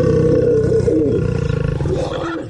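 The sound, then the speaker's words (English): A lion snarls and roars, a loud, deep, rumbling growl that holds steady before breaking into rapid throaty pulses, with no voices present. “Than from a snarling lion.”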